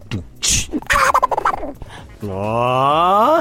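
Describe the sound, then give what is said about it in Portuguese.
A person imitates Donald Duck coughing and gossiping rapidly, letting out a few raspy coughs and then a quick burst of garbled, nasal chattering. It ends in a long, buzzy squawk, all fairly loud. “Isso era o Pato Donald tossindo, fazendo fofoca rapidinho.”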